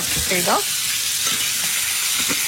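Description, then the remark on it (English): Already cooked pasta and pesto sizzle in a pan with a steady, bright hiss throughout, a brief squeaky tone rising and falling near the start, and soft stirring clatter underneath. “Pasta in already cooked. Pesto into the pan.”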